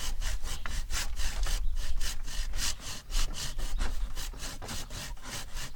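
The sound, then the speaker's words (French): A hand saw cuts through wood with steady back-and-forth strokes, each pass a raspy bright scrape, repeating rhythmically for several seconds without talking. “Je te laisse scier.”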